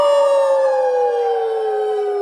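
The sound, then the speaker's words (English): A group of voices imitates a wolf howl in one loud, sustained note that slides slowly downward in pitch for about two seconds, with no other sounds around it. “Brother wolf? Ow!”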